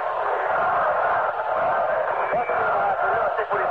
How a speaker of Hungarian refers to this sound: Ezek az emberek továbbra is kiabálják. Libertáte, libertáte.